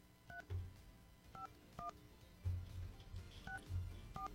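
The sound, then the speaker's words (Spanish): A phone number is keyed in to call a giveaway winner: a series of short, two-toned dialing beeps at an uneven pace, with soft low thumps in between and no talking. “Perfecto, ya marcamos.”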